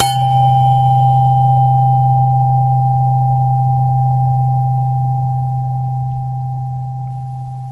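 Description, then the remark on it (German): A tuning fork rings out a low, steady C, humming for several seconds with a faint higher overtone and gradually fading toward the end. No voices are heard. “Ein Ton wird zum Beispiel von einer Stimmgabel erzeugt.”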